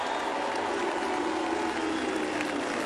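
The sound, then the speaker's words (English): A crowd at a captains' parade applauds Fremantle captain Alex Pearce, a dense wash of clapping that holds at an even, fairly loud level for about three seconds with no voices standing out. “Give it up for Alex Pearce, the Fremantle captain.”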